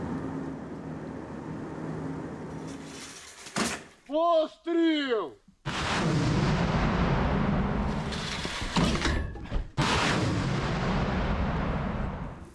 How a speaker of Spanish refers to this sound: 5, 4, 3, 2, 1, 0. El ejército les ordena cambiar de posición, más cerca de la línea de frente, y volver a disparar.